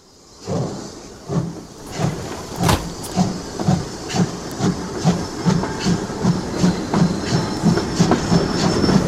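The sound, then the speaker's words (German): A train rolls steadily at a railway station, its wheels beating a regular clickety-clack rhythm over the rails, with a faint hiss of steam beneath the rumble and no voices. “Wir gehen zum Bahnhof.”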